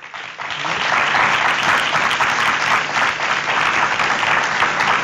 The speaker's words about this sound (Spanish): le damos el aplauso por favor.